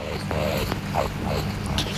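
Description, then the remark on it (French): A rakali (Australian water rat) growls low and rough, continuous for about two seconds, with a few short rising snarls standing out against a steady rumbling background. “Oh zut, le grognement d'un racané.”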